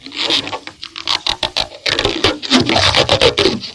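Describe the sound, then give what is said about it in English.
A hand rubs across a big red rubber balloon, making a run of irregular squeaky, scraping strokes with brief pitched squeals. The sound is fairly loud and continuous, with no talking. “He rubbed his hand across it.”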